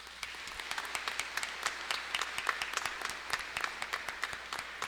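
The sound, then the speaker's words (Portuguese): A crowd applauds its priests, the provincial superior, the novice master and a first-year theology brother, many hands clapping steadily for about five seconds in a dense, irregular patter of sharp claps that stays fairly even in loudness throughout. “Por eles, as nossas palmas.”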